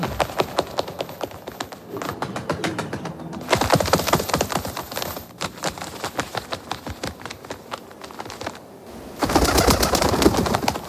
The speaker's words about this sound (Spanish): Suena paloma, ¿no?